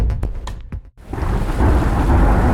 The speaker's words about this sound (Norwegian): Ja, der kom regn igjen.